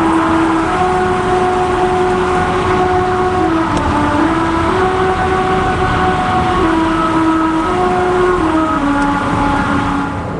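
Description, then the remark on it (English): Car tires passing over grooves cut into a singing road on Route 66 in the United States hum a slow, buzzy tune, the droning pitch stepping between notes over loud, steady road rumble that lasts throughout, with no talking. “The song is made by car tires passing over grooves cut into the road.”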